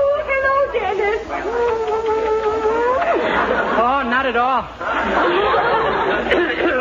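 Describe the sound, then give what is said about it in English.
A steady hum of many overlapping voices chattering as a crowd gathers for a ceremony, with a few brief snickers and one voice speaking a short phrase above the murmur. “Gee, look at all the people. What a crowd.”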